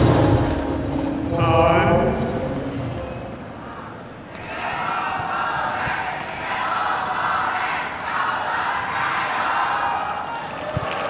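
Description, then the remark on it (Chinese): A voice talks briefly, then a sustained roar of many spectators cheering for Novak Djokovic at a China Open tennis match swells in, a dense, steady wash of many voices and clapping holding at fairly loud level. “现场确实有非常多的观众啊，在给德约科维奇加油，大家都期待着啊，能够亲眼见证德约科维奇中网的七连冠。”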